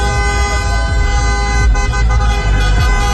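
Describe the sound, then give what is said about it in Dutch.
Many car horns honk continuously and overlapping, a loud, sustained blare of tooting over street traffic rumble, as Morocco football supporters celebrate together. “Maar feest is er bij supporters van Marokko op allerlei plekken getoeter.”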